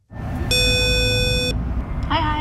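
A woman rings the doorbell intercom buzzer at the Norwegian band federation (Norges Musikkorpsforbund) in Norway: a steady, harsh electronic buzz lasting about a second over low outdoor traffic rumble, followed by a brief voice starting to speak.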